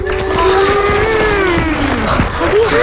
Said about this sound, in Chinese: 今天呢，我们专门请到运河建设指挥部的工程师叔叔来给大家讲一讲运河背后的故事，大家掌声欢迎。